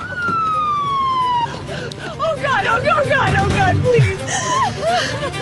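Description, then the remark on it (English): An ambulance siren wails with a single falling tone for about a second and a half as a patient is brought in to Cedars-Sinai Medical Center, then gives way to loud, overlapping chatter from several people. “Okay, so you see Cedars-Sinai Medical Center, and here's the ambulance, and they're bringing her in.”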